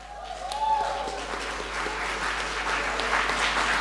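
Applause from an audience, a steady dense wash of many hands clapping at even loudness through the whole stretch, with a brief faint tone and some murmuring at the start.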